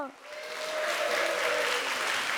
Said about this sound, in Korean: 끝까지 함께해 주셔서 감사드리며 큰 박수로 춤빛 무용단과 소리 소은 친구들을 맞이해 주세요.